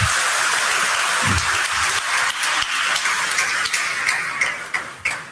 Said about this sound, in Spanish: Un aplauso a Cristo.